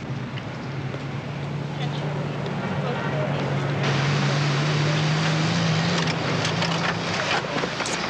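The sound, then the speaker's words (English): A patrol car engine hums steadily with a low, even drone and broad road noise, swelling slightly louder midway as the car slows, pulls over and parks. “Pull over here and park.”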